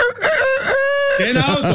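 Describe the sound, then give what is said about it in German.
A loud rooster-style crow rings out on its own as the alarm of an egg timer with soft and hard settings, featured in a product-guessing segment on Radio Galaxy: a few short rising calls, then one long, steady, high note that breaks into a wavering, warbling finish. “Die, und zwar der Sound, die kräht dann vermutlich oder so halt.”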